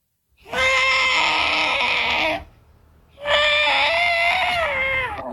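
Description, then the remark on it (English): A human voice imitates an elephant whose foot is trapped in a hole, calling out for help, letting out two long, loud, strained wailing calls separated by a short pause, each wavering slightly in pitch. “What about an elephant that gets his foot trapped in a hole and is calling out for help?”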